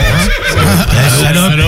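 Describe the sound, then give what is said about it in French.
A loud horse whinny, a shaky, wavering call that rises and falls in pitch for a couple of seconds with a strained, vocal quality. “Je vais proposer un cheval, un moyen de commotion sympa.”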